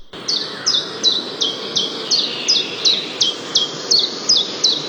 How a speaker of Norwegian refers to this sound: Og i dag så tenkte jeg skulle rett og slett ta en gang om en av de som du kan høre. Den heter Gransanger.